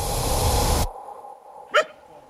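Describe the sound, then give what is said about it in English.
A dense burst of outdoor noise cuts off abruptly, leaving quiet ambience broken by a single short, sharp dog bark, as men and women train their dogs on a green field at the edge of the city of Gulu in northern Uganda. “On a green field at the edge of the city of Gulu in the north of Uganda, a group of men and women are training their dogs.”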